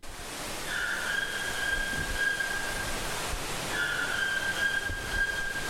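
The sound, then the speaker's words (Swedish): A white-throated toucan calls twice in the rainforest, each call a sustained mid-pitched tone lasting about two seconds, over a steady background hiss with no talking. “Vi hör någonting som ropar, ja, det är en vitstrupig tukan som finns här i regnskogen som ropar.”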